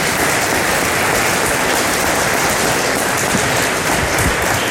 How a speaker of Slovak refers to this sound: Rovnako poprosím potlesk pre ňu.